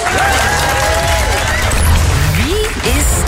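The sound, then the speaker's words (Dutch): A loud, steady burst of applause from a crowd, with dense clapping filling the whole stretch and some cheers and whistles rising over the noise. “Dat mag doen na het applaus.”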